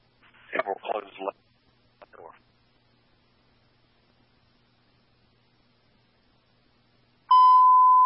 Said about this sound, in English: fire engine alarm.